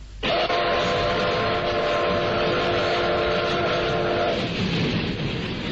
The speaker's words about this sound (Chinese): 奔驰的火车开进了济南站，月台上军警森严，如临大敌。